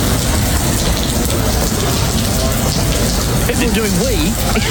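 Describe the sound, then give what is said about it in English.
Heavy rainwater pours and splashes through a leak in the main terminal of Perth Airport in a loud, steady, dense wash that never lets up, with faint murmuring voices briefly rising over it near the end. “Yeah, well, we got sent this yesterday because we had a fair bit of rain around, as you know, yesterday. This was happening in the main terminal of Perth Airport yesterday.”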